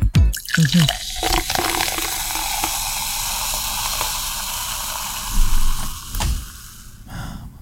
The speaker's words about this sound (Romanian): Următorul, penultimul, sunetul sucului cu acid turnat în pahar.